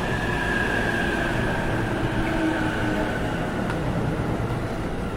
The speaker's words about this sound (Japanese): 特別快速土浦行き到着です。4番線ご注意ください。15両編成後ろで4号車をお知らせします。